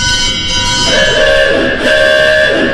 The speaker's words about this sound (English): You got a, fire gong.